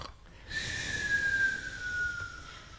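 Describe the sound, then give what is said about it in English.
A person imitates snoring for a recorded take with one long, drawn-out breath that carries a thin whistling tone, fairly steady, starting after a brief quiet moment. “Let's snore a take for four.”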